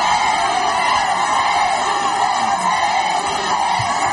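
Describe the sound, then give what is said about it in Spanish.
A large crowd in Ceuta shouts the name of King Felipe and cheers together as the king and queen arrive, in a dense, steady roar of many voices that stays loud and unbroken for the whole stretch, with no single speaker standing out. “Gritos de Felipe, que como digo, pues contrastan con los pitidos que ha tenido que escuchar Ángel Víctor Torres”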